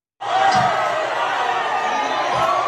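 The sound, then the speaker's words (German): Indonesian football fans in the Moluccas celebrate Germany's national team at the World Cup, roaring and cheering continuously in a made-up German while waving black-red-gold flags, a loud sustained wall of many voices shouting together, with a couple of brief low thuds beneath the noise. “Auch dort feiern die Menschen das Team von Julian Nagelsmann, schreien und jubeln in einer fantasiedeutschen Sprache”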